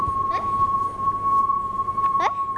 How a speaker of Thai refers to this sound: โอเคนะแล้วทุกคนสังเกตตอนที่ลำโพงวิ่งเข้าหาเรากับตอนที่ลำโพงวิ่งหนีเราลองสังเกตเสียงว่าต่างกันอย่างไรครับ